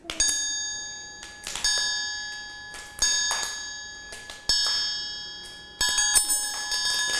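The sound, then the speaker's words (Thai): A teacher strikes a triangle as a rhythm signal for a children's movement activity, about every second and a half, each ring shimmering and bright before the next hit, with a couple of quicker strikes near the end. It is clear, with no voices. “โดยเด็กๆต้องฟังเสียงจากระฆังสามเหลี่ยมนั่นเอง”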